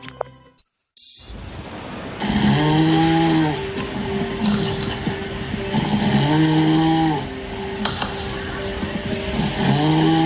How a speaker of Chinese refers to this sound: 好，那我们来听一下第1段呼噜声。